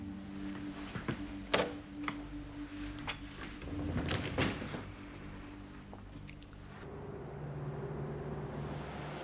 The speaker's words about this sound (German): Entschuldigung, wären Sie so lieb, machen Sie die Tür zu.